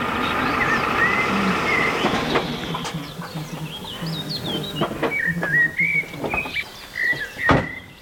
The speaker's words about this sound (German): Das Land der Frühaufsteher und da hinten fliegen jetzt, das sind glaube ich Gänse lang, ne?